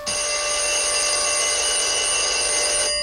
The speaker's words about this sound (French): Le téléphone sonne. Je décroche.